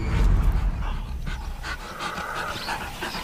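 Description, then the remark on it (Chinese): African wild dogs pant rapidly and continuously, with faint high-pitched twittering calls layered over a steady, breathy rumble; no one speaks. “首领接受投降后，其他非洲野犬便也见好就收。”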